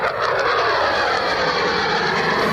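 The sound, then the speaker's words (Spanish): A loud, steady roar of US combat jet engines during the American strikes on Iran tonight, powerful with a broad rushing hiss, continuous and without any voices. “Es el sonido de la acción llevada a cabo por Estados Unidos esta noche.”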